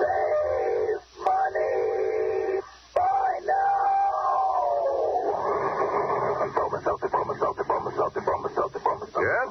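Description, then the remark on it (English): A steam-train sound effect used as the Bromo Seltzer train in a radio commercial for Bromo Seltzer: a long, wavering whistle with two brief breaks, then a run of rhythmic chugging puffs that quicken. The whole recording has a thin, narrow-band, old-radio tone. “You can take it straight from our educated Bromo Seltzer train, friends.”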